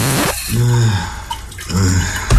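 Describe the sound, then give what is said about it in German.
A steady rush of shower water runs throughout, fairly loud, while a voice hums or sings two short sustained phrases over the spray. “Fertig unter der Dusche gesungen.”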